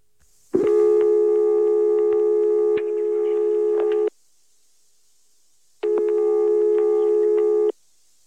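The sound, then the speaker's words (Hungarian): A steady telephone line tone sounds loud in two long bursts, about three and a half seconds then nearly two seconds, separated by a silent gap, while calling a telephone number hoped to be that of a private flat. “Reméltük, hogy ez a telefonszám Csánki Miklós szampolói lakásának telefonszáma.”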